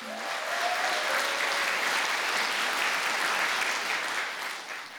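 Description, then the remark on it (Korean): A crowd applauds steadily for the full five seconds, a dense wash of clapping at an even, fairly loud level that tapers slightly at the end, for the young performers of the Suwon Taekkyeon training hall after their taekkyeon stage performance. A brief voice or tone is faintly audible at the start. “유연하면서도 역동적인 무대를 잘 표현해준 수원 태견 전수관 친구들에게 다시 한번 큰 박수 부탁드립니다.”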